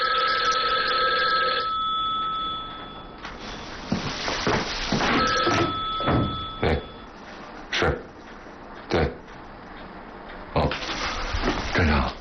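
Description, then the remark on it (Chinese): A telephone rings loudly with a steady electronic tone at the start, then sounds again faintly amid a series of sharp knocks and rustling noises. “秘书电话， 什么事儿？”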